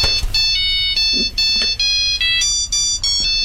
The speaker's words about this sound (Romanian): Domnul Bucur, domnul, vă sună telefonul.